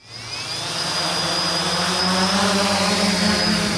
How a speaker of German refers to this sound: Zwei Drohnen starten in einem riesigen Käfig, 15 Meter hoch, erinnert an eine Vogelvoyere.